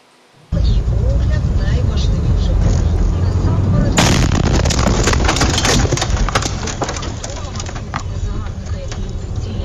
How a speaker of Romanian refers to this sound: Vin imagini șocante din Ucraina. O cameră de bord a surprins astăzi momentul când o dronă kamikaze rusească lovește într-o localitate.